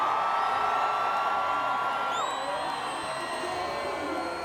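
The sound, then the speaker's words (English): A crowd claps and cheers steadily throughout, a dense, even roar of applause topped with whoops, shouts and a long, shrill whistle midway, as an audience applauds a contestant at a judged competition show. “And a round of applause for”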